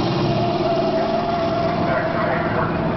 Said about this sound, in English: Braking! All right, that's the way it ought to be. You see how ABS lets you keep control of the vehicle while braking?